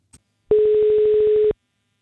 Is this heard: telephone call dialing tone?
yes